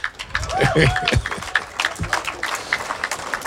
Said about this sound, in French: Ils étaient dans ce qu'on vient d'écouter, on peut les applaudir.